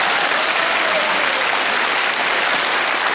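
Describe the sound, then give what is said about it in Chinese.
A full, steady burst of audience applause, many hands clapping densely and continuously at a loud, even level for about three seconds with no voices on top. “此处应该有掌声，我觉得，谢谢。”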